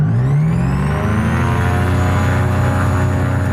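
A small two-seat propeller plane's engine drones steadily while taxiing to the runway, a loud continuous engine hum with rising harmonic tones as it revs slightly, no voices present.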